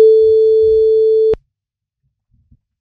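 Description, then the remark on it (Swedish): A single steady telephone ringback tone as the radio station Guldkanalen calls a listener about its shopping-cart race, humming for just over a second, loud and clear, then cutting off abruptly into near silence with only faint clicks afterward. “Nu ska vi ringa och kolla vad hon fick med sig för någonting.”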